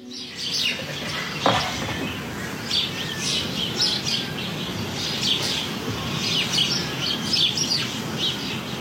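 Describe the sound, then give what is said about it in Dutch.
A dense, continuous chorus of dozens of sparrows chirping at once in hedges and beech hedges around a house in Indijk, Friesland, busy overlapping cheeps, with a brief flutter of wings early on and steady outdoor background noise. “Jacqueline Noordman uit Indijk hoort tientallen mussen in de heggen en beukenhagen rond haar huis”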